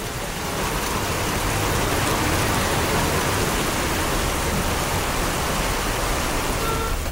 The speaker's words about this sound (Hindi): अगर आप भी कुल्लू मनाली घूमने का प्लान बना रहे हैं तो ये परफेक्ट टाइम है। बारिश और बादलों ने यहाँ की फिजा बदल दी है, रिमझिम बारिश में घूमने का आनंद ही कुछ और है।